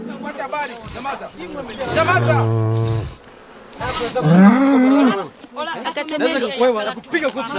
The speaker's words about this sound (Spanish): ¿puedes hablar con el dueño de esa vaca?